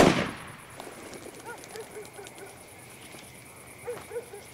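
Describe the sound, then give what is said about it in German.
A single loud shotgun blast bursts out at the very start, then fades into a quiet outdoor background with faint, scattered chirps and yelps. “Die Alte, feuer doch schon mal die Flinte ab.”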